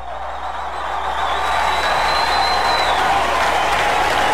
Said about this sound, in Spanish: ¡Fuerte ese aplauso!